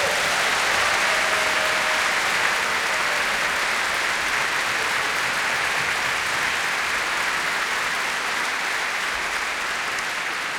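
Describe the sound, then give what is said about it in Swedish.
A large audience at a stage show applauds the backstage crew steadily and loudly, a dense wash of clapping hands that holds at full strength throughout without letting up. “Kan inte de få en riktigt stor applåd?”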